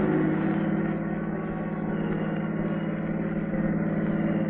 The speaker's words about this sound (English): We should have put on chains. Pretty hard to hold this car down on these old high-crowned roads.